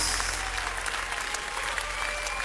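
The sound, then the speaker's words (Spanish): A church audience applauds for the Lord, a dense wash of many hands clapping at once, sustained and even throughout, with no voices standing out. “Oh, dale al Señor un aplauso como Él merece.”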